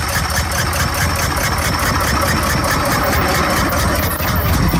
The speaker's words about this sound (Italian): Fermarsi ogni tanto per dare al mezzo carburante e non legna per alimentare un motore molto più piccolo e maneggevole di uno a vapore, per Carl Benz rappresentava una rivoluzione.